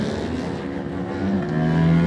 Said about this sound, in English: next to go on the Aprilia. The RS660 is away.